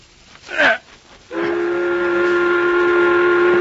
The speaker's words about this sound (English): The whistle has blown. Come, let us eat.